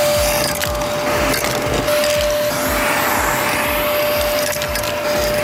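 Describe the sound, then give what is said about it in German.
A vacuum cleaner runs steadily with a loud, constant whine, broken up by repeated rhythmic scraping and clattering as debris gets sucked up while a dirty radio studio is vacuumed. No one speaks. “Und ja, wartet mal kurz, ist schon ordentlich dreckig hier drin. Müssen wir mal eben durchsaugen.”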